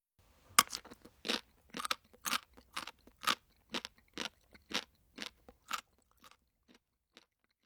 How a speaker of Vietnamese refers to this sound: Từ để diễn tả âm thanh vừa rồi là từ bori bori, tức là âm thanh khi nhai một thứ gì đó cứng. Chúng ta có thể nói bori bori to senbei o kajitte imasu. Câu vừa rồi có thể hiểu là tôi đang nhai bánh gạo rôm rốp.